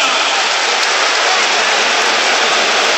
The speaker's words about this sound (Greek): Χειροκροτεί ο κόσμος που θα δίνει ψυχώς την ομάδα του Αταμάν.